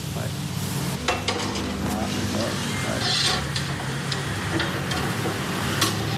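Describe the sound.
Squid and shrimp sizzle and crackle steadily over lively embers in Bali, coconut oil dripping onto the embers and raising flames; a continuous hiss with occasional sharp pops, while muffled voices and light clinks sound in the background.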